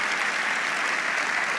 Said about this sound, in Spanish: Y yo quiero que le demos un aplauso a todos ellos. Vamos, fuerte, sobre la cabeza, vamos.